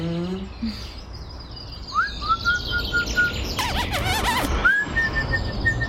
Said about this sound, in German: Dass es hier so viele Vögel gibt, finde ich schön. Es war gut, dass wir uns eine Wohnung im Park genommen haben.